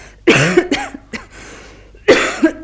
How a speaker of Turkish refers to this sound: Siz de mi hastasınız? Evet. Bu öksürükler bir yıldır gittikçe artarak devam ediyor.